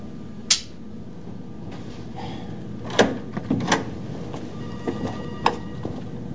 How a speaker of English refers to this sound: Inside, he hesitates as he reaches to open a double door.